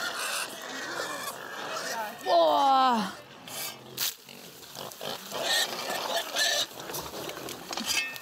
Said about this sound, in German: Was ist denn hier los? Ja, hier spielen die gerade wilde Sau im Schweinestall. Auch hier gibt's natürlich Futter.